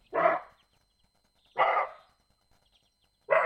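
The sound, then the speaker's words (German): Three loud, harsh barks of a roe deer, evenly spaced about one and a half seconds apart, each short and rasping with a quick fade, heard alone in otherwise quiet surroundings. “Für mich hört sich das aber weniger nach einem Reh, sondern eher nach einem bellenden Hund an.”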